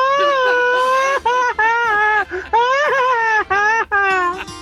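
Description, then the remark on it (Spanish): A loud, high-pitched Mexican grito ametralladora (machine-gun grito): one voice yells in a sustained, wavering cry broken into a rapid string of choppy bursts, with no other sound around it. “Y yo digo el grito ametrallador.”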